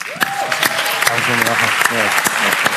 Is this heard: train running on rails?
no